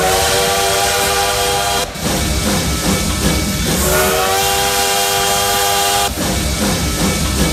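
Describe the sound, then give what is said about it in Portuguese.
A steam train whistle sounds in long, loud harmonic blasts over a constant hissing, chugging rumble, breaking briefly twice before resuming. No one speaks. “Você sabe que por aqui, ó, trem bala já tá por aqui, e a gente vai aquecendo os motores por aqui, ó.”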